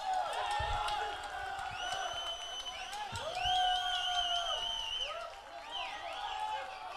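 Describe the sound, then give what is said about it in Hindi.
A large audience claps and cheers continuously, with whistles and shouted whoops rising above a dense, steady wash of applause that holds for several seconds. “भाई तालियां तो बनती हैं”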